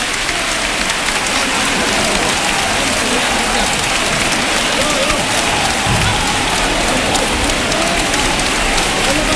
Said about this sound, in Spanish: Poco a poco que la Virgen se va depositando, y estas son las palmas. Yo me callo, los sonidos hablan.